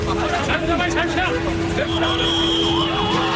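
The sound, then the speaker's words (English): A bus rumbles closer along a busy street in India during a protest crackdown, where people are being loaded onto buses; its steady engine drone and a high whine rise over loud crowd chatter and shouting voices. “Every few minutes, someone was being loaded into a bus. Watch out, there's another one coming.”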